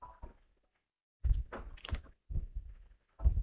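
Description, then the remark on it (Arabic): A plastic draw ball from a Hajj pilgrimage lottery, drawn after the balls are mixed, is handled and opened at the Al-Furat University amphitheatre in Deir ez-Zor: a couple of soft clicks, a pause, then several solid thunks and snapping clicks in quick succession, with no voices. “نسحب على بركة الله بعد خلط الكرات. في داخل هذه الكرة بشائر فرح لمئات النفوس.”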